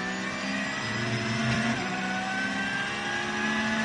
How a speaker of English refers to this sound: And the Losch Motorsport crew. Another Porsche there running around.